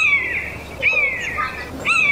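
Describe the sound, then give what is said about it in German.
A common buzzard over the Ardennes town of Dinant gives loud, drawn-out mewing calls: three descending cat-like cries in about two seconds, high and clear, with no talking over them. “Sein Ruf klingt wie das laute Miauen einer Katze.”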